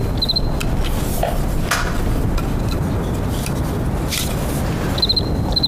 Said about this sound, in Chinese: 我就对这感兴趣。嗯， 蛐蛐。哎，来来来，我看看我看看。哎呀，这玩意好玩啊，那玩起来可着迷啊。